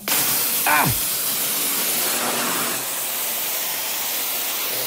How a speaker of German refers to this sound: Dann schweißen wir mal, oder? Hätte ich gesagt. Ja, genau. Feuer frei.